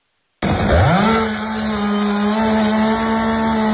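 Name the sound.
chainsaw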